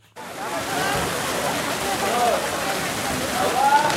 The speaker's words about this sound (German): Aus einem dicken Rohr schießt Wasser in das Becken, Jugendliche springen hinein.